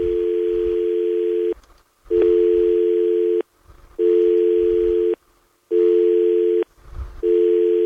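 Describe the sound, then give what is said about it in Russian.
A telephone tone sounds in long, steady mid-pitched beeps, each lasting over a second with short gaps between, repeating five times. It is loud and plays alone, with only faint low rumbles in the pauses. “Я счастлив, что у нас гудок звенит.”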